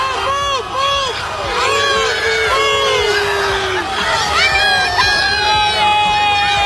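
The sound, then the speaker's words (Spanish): A large crowd of Croatian football fans shouts and cheers continuously, with many overlapping voices rising and falling in pitch, loud and dense throughout. “Y así gritaba la afición croata.”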